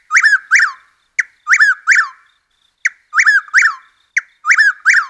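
A Chuck-will's-widow calls its name over and over, each loud, clear phrase a quick clipped note followed by two rolling whistled syllables, repeated about four times in steady rhythm with no other sounds.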